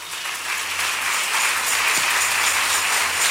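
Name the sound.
audience clapping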